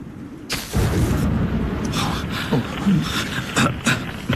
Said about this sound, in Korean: 놀라지 말게. 저런 번개는 이맘때쯤이면 종종 볼 수 있는 것이네. 나무에 불이 붙었어.